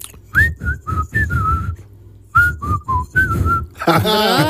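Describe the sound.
A person whistles a bright, wavering melody in two short phrases separated by a brief pause, with low thumping accompaniment underneath, before a louder burst of other sound cuts in at the end.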